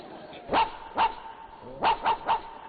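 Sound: dog barking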